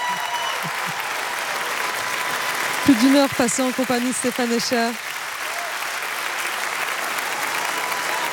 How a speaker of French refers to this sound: Les applaudissements ne s'arrêtent pas.